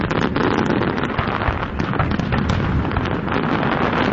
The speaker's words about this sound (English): And after a rainy start in the morning, the evening was very nice for the annual Ford fireworks over the Detroit River.